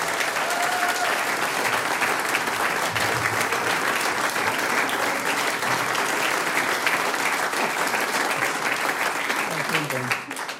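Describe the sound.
Sustained applause from an audience for a music group, a dense, steady crackle of many hands clapping at even loudness for about ten seconds, with a few voices mixed into the noise.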